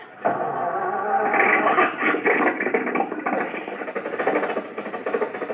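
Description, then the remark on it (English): A car engine in a garage turns over and catches, then keeps running with a rough, rattling, rhythmic chug that stays fairly loud and steady throughout. No voices are heard. “The motor's going. Back the car out of the garage.”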